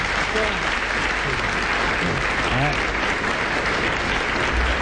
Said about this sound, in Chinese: 热情鼓掌。 哎， 老实话， 怎么 比给我们2000块钱都可贵？